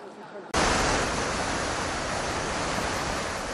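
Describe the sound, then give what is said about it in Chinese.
After a brief quiet moment, a loud, steady roar of strong gusting typhoon wind suddenly bursts in and blasts the microphone with dense, rushing noise that keeps going, easing only slightly, during Typhoon Bavi in the city of Taipei, Taiwan. “而就在巴威台风中心距离台湾最接近的此刻，在台北市区虽然没有明显的强降雨，但是呢，我们可以充分感受到阵阵强风带来的威力。”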